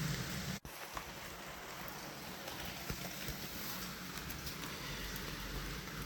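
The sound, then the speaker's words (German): Steady rain patters on a windowsill, a dense continuous hiss dotted with small individual drip taps, with no voices. “Und jetzt geht es weiter mit Regengeräuschen von meiner Fensterbank.”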